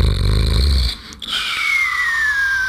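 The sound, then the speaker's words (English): A single loud snore: a rough, rumbling inhale, a brief pause, then a long high whistle that slowly slides downward, like a cartoon sleeper. No one speaks. “I'm snoring, snoring. I'm nearly falling asleep.”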